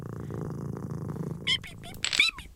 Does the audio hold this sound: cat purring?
yes